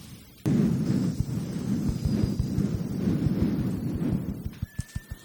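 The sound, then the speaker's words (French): A group of people imitate wind rustling through tree leaves with a steady, breathy whooshing and soft rhythmic pulsing, fading into a few isolated pops at the end. No one speaks. “On va commencer par installer tranquillement des arbres et du vent dans les feuilles des arbres.”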